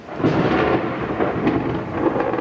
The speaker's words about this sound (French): La pluie, c'est justement ce qui rythme l'été à Mexico. C'est assez peu connu, mais ici, il pleut en moyenne plus qu'à Londres.